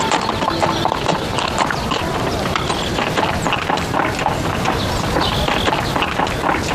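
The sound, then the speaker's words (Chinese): A donkey's hooves clip-clop steadily and briskly, a continuous run of sharp hoof strikes over a dense, noisy background that never lets up; it is the donkey from a wedding procession sent to fetch the bride. “哎，这不是迎亲那驴吗？”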